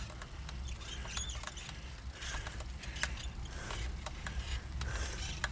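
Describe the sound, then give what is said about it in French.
A bicycle squeaks and creaks in a repeating rhythm, sharp high chirps and clicks recurring every half second or so over a steady low rolling rumble, with no talking. “Ouais, ça grince un peu, ça commence à mal.”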